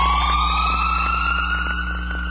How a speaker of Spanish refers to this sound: La sirena de una ambulancia o de policía.